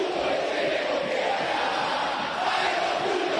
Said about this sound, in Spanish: En el Monumental la gente está con bronca igual, ¿eh? Ahora grita, pero la gente está con bronca. Escuchá.